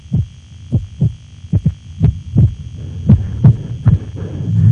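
Dull, low thumps of an irregular heartbeat repeat at uneven intervals, some bunched into quick pairs and others spaced by longer gaps, over a faint steady hum with no one talking.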